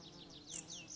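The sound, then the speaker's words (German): A dark bush-cricket, a long-legged bush-cricket, in a mountain forest in autumn gives a single short, sharp, high-pitched chirp midway through, standing out from a quiet background with faint higher twittering sounds around it. “Die gemeine Strauchschrecke ist oft als letzte Heuschrecke im Jahr zu hören, wenn die Kälte die anderen längst dahingerafft hat.”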